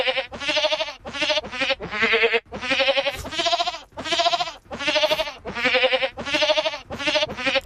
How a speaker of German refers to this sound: Da klingt ziemlich speziell, ne, wenn so eine Ziege singt. Aber ich finde, die Melodie erkennt man schon ganz gut, oder?